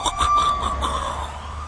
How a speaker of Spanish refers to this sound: Noche pesada en la ciudad. Sirenas sonando, patrullas por todas partes y los comandantes reportándose por radio.